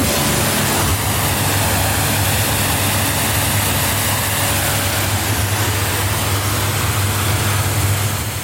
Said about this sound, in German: Chef und Inhaber von der Bootswerft Wolf zu Wallenstadt und spritzt gerade das nächste Motorboot ab